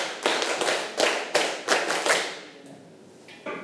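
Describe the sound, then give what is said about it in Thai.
A group of children clap hands to show they are ready for a class activity, a run of about six or seven loud, evenly spaced claps that blur slightly from many hands, then trail off into quiet. “ถือว่าเป็นการตื่นตัวเล็กๆน้อยๆนะคะอ่ะถ้าใครพร้อมที่จะทำกิจกรรมแล้วปรบมือ5ครั้งปรบมือ10ครั้ง”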